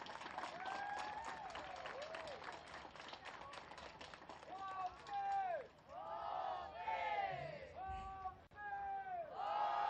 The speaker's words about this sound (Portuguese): Palmas para Inhambane!